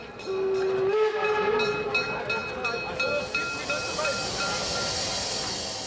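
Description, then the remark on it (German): A historic steam train on the Wutachtal Railway at Blumberg, Germany, rumbles and hisses loudly, a long steady whistle blast sounding over the first couple of seconds before the chuffing, clattering run continues on its own. “Und dieses außergewöhnliche Bahnerbe wird heute gemeinsam von der Eurovapor, der Interessengemeinschaft Wutachtalbahn und der Stadt Blumberg unter Dampf lebendig erhalten.”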